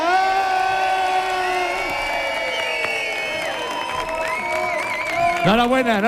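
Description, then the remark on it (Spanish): A large audience votes for a contestant by making noise, cheering, shouting and whooping loudly for several seconds, many overlapping voices rising and falling in pitch, with scattered applause underneath and a final surge of shrill yells. “Y ahora, por favor, hagamos ruido”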